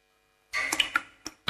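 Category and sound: household object, water dripping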